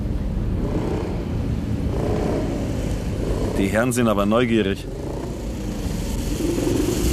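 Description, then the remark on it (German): A steady motor engine drones throughout, with a second vehicle's engine, a motorcycle following the car, blending in, while a man speaks briefly over the continuous hum of the road. “Du, ich glaube, uns verfolgt ein Motorrad.”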